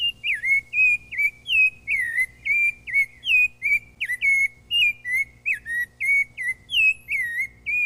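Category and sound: bird, rufous-bellied thrush song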